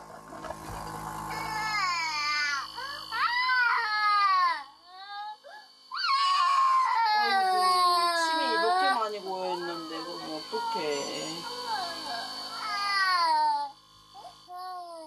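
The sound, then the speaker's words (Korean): An infant cries in long, wavering high-pitched wails with brief gasping pauses, loud and nearly continuous throughout, breaking into a fresh bout of crying after each breath. “울음소리에 두 오빠가 방문을 열었는데요.”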